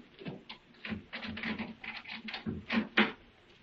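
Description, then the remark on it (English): A key rattles and turns in the lock of a house door at night with a quick series of metallic clicks and scrapes, ending in a couple of sharper clacks as the door is opened. “Give me your key. I'll open the door.”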